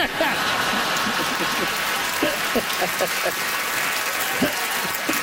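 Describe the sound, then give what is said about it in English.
A crowd applauds steadily, a dense wash of clapping with scattered louder claps, sustained at an even level for several seconds, with faint voices mixed in. “Crowd's giving you two for that one.”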